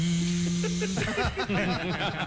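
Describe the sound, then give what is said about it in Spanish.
A voice imitates a blender, starting with a steady mechanical buzz for about a second, then breaking into choppy, whirring vocal sounds that rise and fall, loud. “diferenciar el sonido que produce una aspiradora que es... al de una licuadora que es...”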